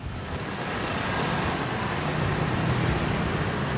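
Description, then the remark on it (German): A steady, dense wash of rush-hour city street traffic in Brussels at 8:30 in the morning, cars and heavier vehicles rumbling continuously with a low engine drone and broad road hiss, no pauses and no voices. “8.30 Uhr morgens, Rush Hour in Brüssel.”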